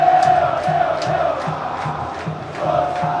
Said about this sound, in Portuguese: Late aqui em homenagem ao Sosa, galera. É o grito do Pitbull. É o uf, uf, uf. É o Sosa, bem demais. Ó, ó, ó o grito. Ó o grito. A voz do povo é a voz de Deus. Bela contratação do Vasco da Gama, esse Santi Sosa. Olha, ó o grito da galera.